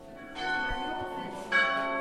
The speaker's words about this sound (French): Les deux cloches sonnent et redonnent une dimension sonore et liturgique à la tour monastère.